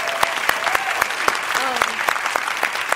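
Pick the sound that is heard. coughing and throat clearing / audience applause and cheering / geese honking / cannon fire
audience applause and cheering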